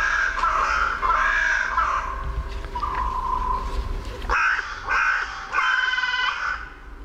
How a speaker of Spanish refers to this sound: Esta es la Alameda del Medio Punto, en mi pueblo, en La Granja, en Segovia. Sí, sí. Y aquí, en los árboles que flanquean el Palacio Real, se despiertan las cornejas a su manera, con esta voz cascada.